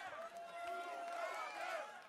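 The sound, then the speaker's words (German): A large concert crowd on the Johannes-Rau-Platz in Düsseldorf cheers and shouts continuously, calling for an encore, a dense, steady roar of many voices that stays loud throughout, with a few higher shouts rising above the mass. “Sie möchten einen noch? Ja?”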